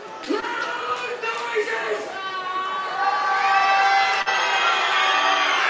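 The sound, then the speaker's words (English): A crowd of baseball fans screaming and cheering in the stands at a game, a dense wall of high-pitched voices that holds steady, then swells louder and more intense through the second half. “There's a lot of fans now screaming in front of me.”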